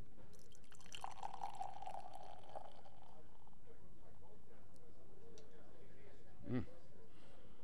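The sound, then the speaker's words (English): Beer from a can labeled New England style pours into a glass with a steady gurgling fill for a couple of seconds, followed by quieter fizzing and a brief soft knock near the end. “Yeah, and you'll see when I pour it.”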